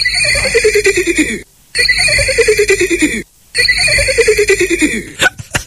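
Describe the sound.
A child playing horse imitates a horse's whinny three times in a row, each a loud, wavering cry sliding downward in pitch, separated by brief pauses.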